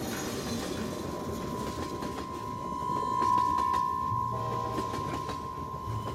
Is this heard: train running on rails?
yes